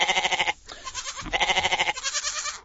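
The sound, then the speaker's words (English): A goat bleats loudly and close by, a couple of long, quavering cries with a brief pause between them and no voices. “Apparently there's six goats roaming on the Hume Highway in the Southern Highlands.”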